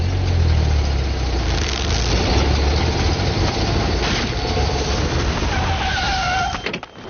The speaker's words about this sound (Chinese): 注意，汽车来了。